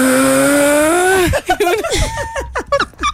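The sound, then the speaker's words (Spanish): A voice does a drawn-out, droning imitation of their own snoring that sounds like a heavy truck engine straining uphill, loud for about a second, then people start talking over each other. “Una tractomula subiendo por la línea.”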